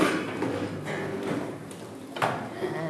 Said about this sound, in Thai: ตอนนี้ให้ทุกคนลุกขึ้นนะคะลุกขึ้นสอดเก้าอี้เข้าใต้โต๊ะตัวเองให้เรียบร้อยทำสอดเก้าอี้ให้เบาที่สุดนะคะสอดเก้าอี้ให้เบาที่สุด